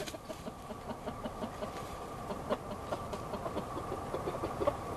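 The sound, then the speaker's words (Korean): A chicken squawks in short, scattered bursts as a leopard cat bites its neck and kills it, against a steady rumbling background noise, the calls fairly faint and irregular, with no one talking. “목을 물린 닭은 결국 숨을 거두고 맙니다.”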